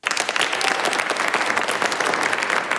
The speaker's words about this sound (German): Applaus für Navanitem Pillay. Die 85-jährige Juristin und Menschenrechtlerin betritt den historischen Gerichtssaal 600 im Nürnberger Justizpalast.